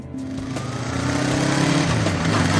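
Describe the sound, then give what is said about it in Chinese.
A small motorcycle engine runs steadily, its buzzing drone swelling slightly as the rider throttles up while riding through the Wuliang Mountains, with no voices over it. “老赵怀着朴素的心愿，骑着摩托车踏遍了无量山。”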